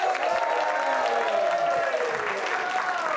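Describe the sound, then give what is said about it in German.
Steady audience applause for a comedian at a comedy show, a dense rush of clapping hands that stays loud and even throughout, with some crowd voices and whoops mixed into the noise. “Und wir machen direkt weiter mit dem nächsten Comedian, auch für ihn einen 12-14 Applaus.”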